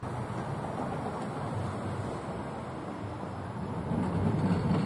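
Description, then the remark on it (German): A continuous low rumble of a historic tram in Warsaw rolling along its rails during a museum night, heard from on board, steady and fairly loud with a slight swell near the end and no talking. “Und zur Museumsnacht waren zahlreiche historische Straßenbahnen, aber auch historische Busse auf verschiedenen Zubringerlinien unterwegs. Und wir sind mitgefahren.”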